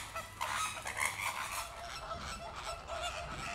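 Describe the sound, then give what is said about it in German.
A crowded flock of breeding flamingos squabbles among tightly packed nests, a dense, continuous chorus of overlapping nasal honks and gabbling calls with no pauses and no voices. “Da sind wir wieder so einen typischen Streit.”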